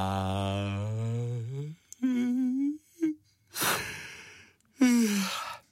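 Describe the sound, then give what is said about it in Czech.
A voice imitates the long, drawn-out yawn of a sloth, fairly loud, its pitch sliding downward, followed by a few shorter groaning yawns and breathy exhales. “Zíval dlouze a dlouho Lenochod, až z toho zívání zase usnul.”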